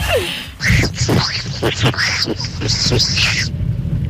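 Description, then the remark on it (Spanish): A person imitates Donald Duck's voice: a close, loud stream of raspy, squawking garbled syllables in quick uneven bursts for about three seconds, then it stops. “Excelente, por ahí va el Pato Donald.”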